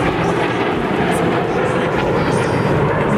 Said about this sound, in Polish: Trwa defilada z okazji Święta Wojska Polskiego. Tłumy odwiedzających obserwuje najnowocześniejszy polski sprzęt wojskowy. Na niebie pojawiły się m.in. myśliwce F-16, F-35, a także m.in. samoloty F-50.